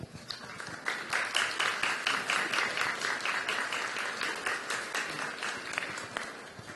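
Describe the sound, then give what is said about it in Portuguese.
A warm round of applause from a crowd, many hands clapping in a dense, steady patter that holds loud for several seconds before tapering slightly, as a parish welcomes a man. “Nós queremos acolher o Senhor com uma calorosa salva de palmas.”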